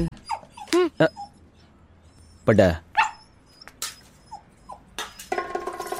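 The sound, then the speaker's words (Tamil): A dog whimpers in a few short, high-pitched whines, with a brief yelping cry partway through, while people talk and some clattering noise follows. “அட பாவிகளா, நாம் போட்ட டீ நாய்க்கா. என்னடா பண்ற நாய்க்கட உத்தர, நாய்க்கு அடி அடி நல்ல அடி.”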